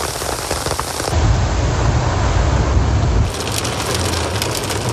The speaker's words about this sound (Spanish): Una fuerte lluvia acompañada de granizo sorprendió a Quito la tarde de este domingo.